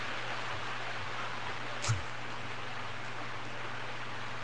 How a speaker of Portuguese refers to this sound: barulhinho da chuva, né?